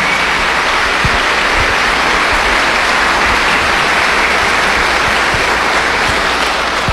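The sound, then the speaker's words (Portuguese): A crowd claps for the catechists, steadily and loudly throughout, a dense continuous patter of many hands with no voices heard, holding an even level from start to finish. “Salva de palmas para os nossos catequistas.”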